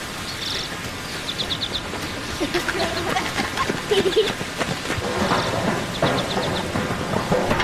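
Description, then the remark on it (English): An outdoor summer ambience: bursts of high, rapid cricket chirps repeat over a steady, hissing background, with occasional faint bird-like calls mixed in. “Like, so much of our childhoods are rooted in very distinctive sounds that we, you know, associate with childhood, like the sound of a sprinkler. The sound of birds, the sound of crickets, you know, these summer sounds.”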